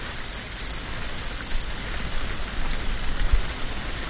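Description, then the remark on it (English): Steady rain falls outside in gloomy weather, pattering down in a dense, continuous hiss, with drops striking a surface and a faint high-pitched tone flickering briefly near the start. “It's still pretty gloomy outside, isn't it? Do you know the Rain, Rain, Go Away song?”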